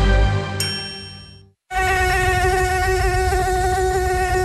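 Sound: mosquito buzzing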